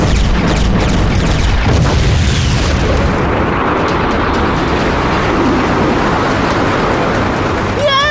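A loud cartoon thunder cannon blast, fired to destroy a drone, roars out in a sustained, booming burst, its crackling rumble spreading across the whole range before settling into a dense, noisy wash, ending with a brief high electronic warble.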